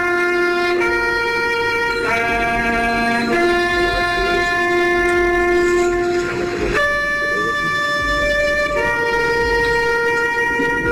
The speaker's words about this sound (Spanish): A las 6:29 de esta mañana, hora israelí, comenzaron los homenajes, todos en silencio y las sirenas sonando.